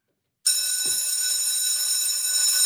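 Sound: school bell ringing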